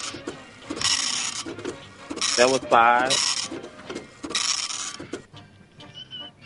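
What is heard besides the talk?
dot matrix printer printing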